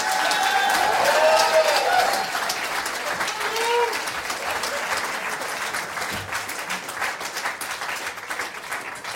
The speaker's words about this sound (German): Riesen Applaus nochmal für euch zwei.